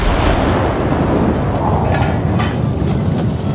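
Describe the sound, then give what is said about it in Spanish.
A deep, heavy cannon boom from a celebratory cannon shot, fired aboard a ship after lighting a fuse, rolls on as a sustained, loud rumble that fills the whole moment without fading, powerful, with no voices. “Así que, cegado por la felicidad, encendió una mecha y disparó un cañonazo de celebración.”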